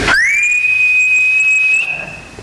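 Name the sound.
eerie ghostly whistle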